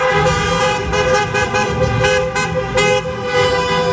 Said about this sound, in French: À Belfort, oui, à Belfort, comme partout en France, c'est concert de klaxons pour célébrer la victoire de la France sur le Maroc et la qualification pour les demi-finales de la Coupe du Monde.